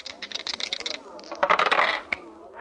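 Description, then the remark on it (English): Old dice rattle and clatter in a quick burst of hard clicks, then tumble across a surface with a rougher scraping roll before a final sharp tap, landing a deuce and an ace in a game of craps. Fairly loud, with no voices. “Hey, you have still got those old dice.”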